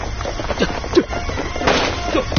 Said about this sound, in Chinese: 枪声！ 哪里有枪声？我们中埋伏了！